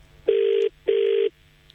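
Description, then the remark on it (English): Two bursts of an outgoing-call ringback tone, each a steady electronic buzz lasting about 0.4 seconds with a short gap between, moderately loud against a low background hum. “Come on, bro, answer your phone.”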